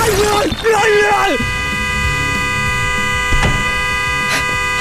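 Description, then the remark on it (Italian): A car horn blares in one long, unbroken honk that holds steady for several seconds, loud, with a brief vocal sound at the start; the horn is set off by a person's head resting on it inside a car. “Scusi, sposto la testa che fa rumore con lo clacson, che c'è la gente che dorme.”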